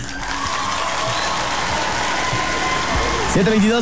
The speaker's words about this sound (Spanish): ¿Por qué aplauden? ¿Debería de ser mejor como una mentira?